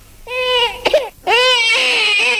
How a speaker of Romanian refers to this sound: Vezi că s-a trezit ăla micu, fă-i ceva că plânge.